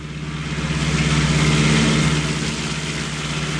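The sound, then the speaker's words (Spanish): A car engine hums steadily with a low, droning tone, swelling louder as the car approaches along a road and then easing slightly, with no voices, just the continuous motor rumble. “En la carretera, al ver el auto que se acercaba, apenas tuvo tiempo para esconderse apresuradamente detrás de un árbol.”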